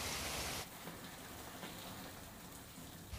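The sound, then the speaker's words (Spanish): Heavy hail from a storm pours down in Puebla de Sanabria, Zamora, in a dense, crackling roar of countless impacts, loudest and brightest for the first half second before settling into a steady, unbroken downpour. “Esto que van a ver es Puebla de Sanabria, en Zamora, donde una tormenta ha dejado una fuerte granizada.”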